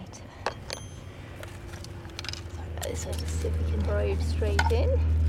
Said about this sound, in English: This will make a hole. So just putting a skewer in there.